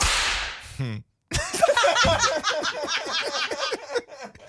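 A single sharp whip crack snaps out loudly at the start, then after a brief silence a burst of lively laughter follows, continuing in rapid rhythmic bursts.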